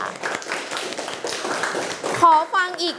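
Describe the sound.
A group of children claps in a steady, dense patter for about two seconds, then the applause gives way to several high-pitched young voices chattering.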